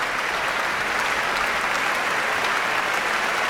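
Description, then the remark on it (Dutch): Steady, dense applause from a large audience for orchestra members with solos or important parts, as conductor Emilia Holving points them out; a continuous wash of clapping at even loudness throughout, with no voices standing out. “En dat is omdat Emilia Holving verschillende orkestleden aanwijst die in dit werk een solo of een belangrijke partij, een reden voor een eigen applaus hebben.”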